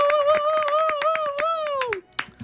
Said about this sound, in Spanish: Fuerte aplauso para